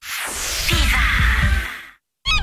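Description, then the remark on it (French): Several seagull cries over a steady rush of surf or wind, followed by a short silence and one more sharp gull call. “En juin, tout le monde, même les mouettes, parle des Summer Deals Citroën.”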